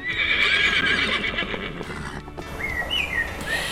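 A horse whinnies loudly with a wavering, high-pitched call, while hooves clop steadily underneath; the whinny trails off and rises again near the end. No one speaks.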